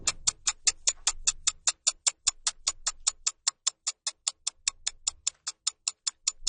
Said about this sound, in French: Tic-tac, tic-tac, tic-tac, tic-tac, tic-tac. Le temps file.